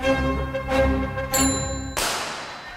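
A bicycle bell rings several times in quick succession, bright metallic dings, ending in a sharper, noisier ring that fades out. No one speaks.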